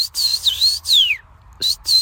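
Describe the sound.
Someone whistles an imitation of a common rosefinch call, which a bird-identification app recognises as a common rosefinch: four clear whistled phrases that slide up and down, with brief gaps between them and no talking.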